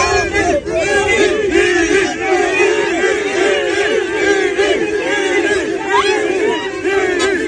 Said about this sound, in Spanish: Mucha gente gritando Vinicius y él sonriendo en la salida del Estadio Santiago Bernabéu.